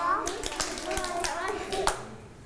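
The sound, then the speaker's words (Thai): Children sit down and clap their hands twice on instruction, then put their hands on their shoulders. A few sharp claps are scattered over a couple of seconds, with young voices chattering in the background. “นั่งลงปรบมือ2ครั้งแล้วเอามือจับไหล”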